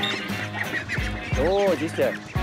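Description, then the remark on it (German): Indian runner ducks at Walsrode bird park, during football training, quacking in a nasal, overlapping chorus, several loud calls in quick succession, with a busy outdoor background underneath. “Weil diese Laufenten, die fressen ja neben Gras nicht nur Entenfutter, sondern auch Würmer und Schnecken.”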